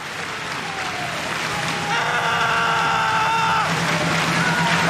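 A large stadium crowd claps steadily and loudly to the rhythm of an athlete's run-up before his sixth jump, a dense wash of applause that carries on throughout, with a brief tonal cheer or horn rising over it midway.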